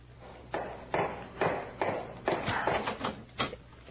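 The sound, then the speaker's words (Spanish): A series of about eight hard taps or knocks from a walking cane, in a steady, slightly uneven rhythm at moderate volume, with no talking. “Llegué hasta aquí y llamé con el bastón.”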